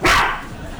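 A small chihuahua gives one sharp, high-pitched, loud yap, then the sound quickly fades away. No one speaks.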